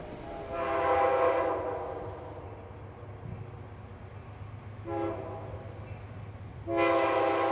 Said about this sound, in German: Immer weiter fährt unser Zug nach Norden. Manchmal hat er an dieser Stelle schon viel Verspätung, weil Güterzüge meistens Vorfahrt haben.